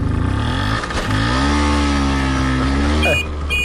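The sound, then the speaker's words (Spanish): A Vespino 50cc moped engine runs steadily, its buzzing pitch rising and falling as the throttle is eased and opened again, with a brief rev near the end. “Él iba viajando, y atención, en una Vespino de 50 centímetros cúbicos.”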